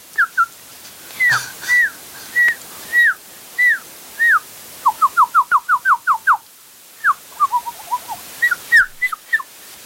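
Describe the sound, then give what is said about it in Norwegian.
A European robin calls with a run of short, clear whistled chirps, some spaced apart and others in quick rapid bursts, distinct against a quiet background with no talking. “det var nesten, men det Raudi, det da Raudi i Bringa.”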